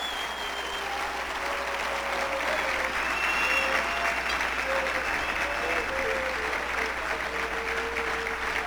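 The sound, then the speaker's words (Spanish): An audience applauds steadily for several seconds as applause to the Lord one morning, a dense, sustained clatter of many hands, with faint sustained tones and scattered voices underneath. “Un aplauso al Señor de lo alto.”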